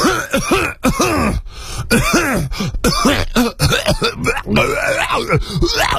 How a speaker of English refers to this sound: Okay. Excuse me, I had to clear my throat.